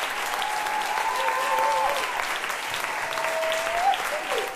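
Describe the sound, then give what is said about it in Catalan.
Steady, dense applause from an audience in Vienna for the traditional song Curt de la Figuera, sung by three vocalists, fills the whole stretch, a continuous wash of clapping at even loudness, with a thin sustained tone gliding faintly underneath. “Doncs aquests aplaudiments són per a la cançó tradicional curt de la Figuera, que versionaven les tres vocalistes que estem sentint avui des de Viena.”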